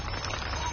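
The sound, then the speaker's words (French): A steady, even wash of rain falling while the sun still shines, a soft continuous patter and hiss at moderate loudness with no pauses and no voices. “Tiens, voilà la pluie.”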